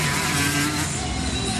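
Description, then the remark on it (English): A loud motorbike engine roars steadily for a moment, its throaty drone sustained and unbroken, with no voices over it. “Oh, it's a motorbike.”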